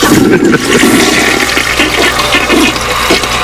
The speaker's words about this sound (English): What might that be? That would be the good old toilet flushing down.